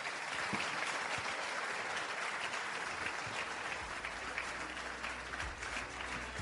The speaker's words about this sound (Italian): Salutiamo il segretario regionale e il presidente della Commissione Affari Costituzionali e facciamo un grande applauso all'onorevole Nazario Pagano.